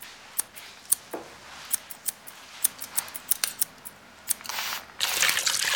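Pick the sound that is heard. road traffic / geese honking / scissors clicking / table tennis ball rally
scissors clicking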